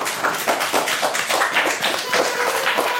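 Applause from a small audience, thanking someone for a quiz given as a gift: brisk, steady hand claps run through the whole stretch at an even, fairly loud level, with a slight rhythmic pulse and no voices over them.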